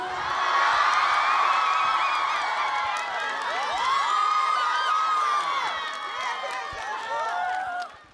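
A large audience cheers and applauds continuously, with excited shouts and whoops rising over steady clapping. The roar stays loud and close throughout before cutting off at the end.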